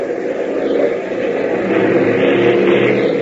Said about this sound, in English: the engine of the primary trainer roars into action out on the runway, and Hop sends the small ship rocketing into the air.